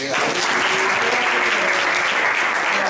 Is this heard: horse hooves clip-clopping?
no